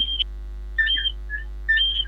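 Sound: cricket chirping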